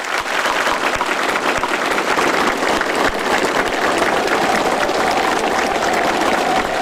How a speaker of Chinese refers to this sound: 演员们的精彩表演频频鼓掌致意。